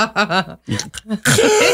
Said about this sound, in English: So when you hear gasping, like it just means I walked outside.